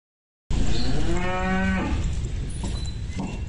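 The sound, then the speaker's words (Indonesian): A 1-ton Ongole crossbreed cow named Mbah Iran, from Pleret, Bantul, Yogyakarta, chosen as President Prabowo Subianto's sacrificial cow, moos once, a long, loud bellow with a rising then falling tone. Outdoor background noise continues underneath and after the call. “Berbobot 1 ton dan berjenis peranakan Ongole, sapi asal Pleret Bantul, Yogyakarta terpilih menjadi sapi kurban Presiden Prabowo Subianto.”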